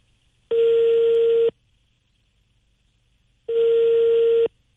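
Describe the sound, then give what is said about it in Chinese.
A telephone ringback tone as a call is placed to the company Jishida: two steady, fairly loud one-second beeps separated by a pause of about two seconds, with no one talking, like a call waiting to be answered. “我们再拨打一下咱们吉士达也得及时退呀，看看今天这工作人员有没有联系到会计，有没有上班，我们试试。您好。正在接通。”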